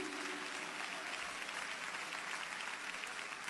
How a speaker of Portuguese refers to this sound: Senhor, povo de Deus, cumprimento a igreja com a paz do Senhor Jesus, amém. Você pode aplaudir o nosso Senhor Jesus Cristo.